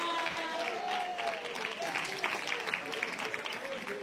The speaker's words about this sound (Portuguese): Aleluia, bate as palmas para o Rei da Glória.